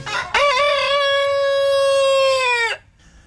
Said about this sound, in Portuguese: Eu esqueci antes, mas não esqueci agora. Melhor tarde do que nunca, né, seu galo?